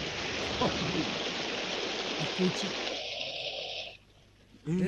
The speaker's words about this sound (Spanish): ¿qué pasa ahí con el caño de agua que está chorreando tanta agua?